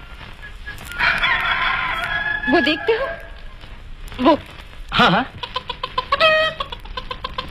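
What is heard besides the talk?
hen clucking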